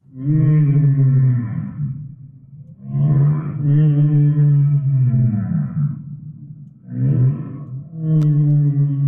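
Three long, loud whale calls, each a rich, moaning tone with a deep steady pitch and sweeping overtones, separated by short pauses and heard alone without any talking.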